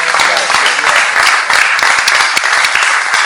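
A crowd applauds Antonio Polito for his book, steadily, many hands clapping in a dense, continuous patter that stays loud and even throughout the few seconds, with no voices standing out.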